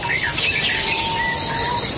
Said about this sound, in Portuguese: Pode ouvir aí o som dos pássaros, o galo cantando.